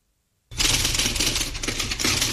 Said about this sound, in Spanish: Sí, justo me agarra una máquina de escribir y te voy a decir una frasecita.